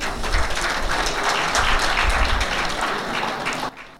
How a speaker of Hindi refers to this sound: आज रात जब हम अपने माननीय अतिथि कलाकार पद्मश्री मदन चौहान और श्रीमती स्वाति शिवाले का स्वागत करते हैं, आइए हम उन्हें इस गौरवशाली परंपरा को आगे बढ़ाने के लिए जोरदार तालियों से सम्मानित करें।